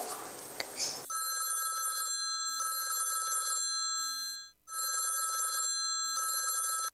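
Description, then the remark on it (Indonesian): A phone ringback tone from an outgoing call repeats in steady electronic bursts, a brief pause between each, loud, after a short moment of noise at the start. “tak telepon”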